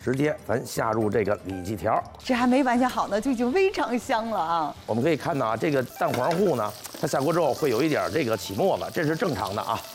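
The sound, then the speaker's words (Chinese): Pork tenderloin strips coated in egg-yolk batter for sweet and sour pork sizzle and crackle steadily as they are pan-fried in a little oil rather than deep-fried, the batter foaming slightly, a soft hissing bed of frying noise running beneath continuous talking from more than one person. “直接咱下入这个里脊条，这还没完全好呢，就已经非常香了啊！”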